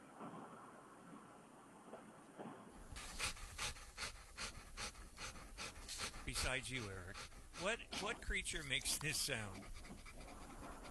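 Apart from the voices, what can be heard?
dog panting heavily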